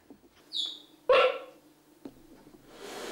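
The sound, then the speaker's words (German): Two cheetah cubs chirp: a thin, high bird-like peep followed by a louder, harsher squeaking call and a faint third chirp, with soft rustling noise rising at the end. No one speaks. “Die Piepser der Kleinen klingen wie Vogelstimmen.”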